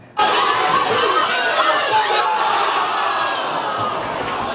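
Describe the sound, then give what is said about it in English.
Dozens of Portugal soccer fans in jerseys cheer and shout loudly and continuously at the Portuguese Community Center, Les Amis Unis, in Gatineau as Portugal plays the Democratic Republic of Congo, a dense wall of excited voices and whoops that starts abruptly and stays steady throughout. “Dozens of Portugal fans put on their jerseys and gathered to cheer on their team as it took on the Democratic Republic of Congo.”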